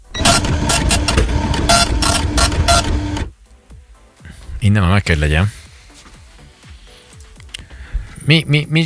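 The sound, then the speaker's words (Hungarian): A cash register prints a receipt with a steady, loud mechanical buzz that pulses rapidly for about three seconds and then stops abruptly. People talk afterward. “Mit csinál a pénztárgép, mikor ilyen hangot ad ki? Tessék! Na, pénztárgép. A blokkot adja ki bele. Az nyugta nyomtatás, oké, okay, elfogadjuk.”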